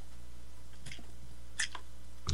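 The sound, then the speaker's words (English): Someone takes a few short, wet slurps from a drink, spaced out over a couple of seconds with quiet pauses between them and no talking. “Let me get a slurp here.”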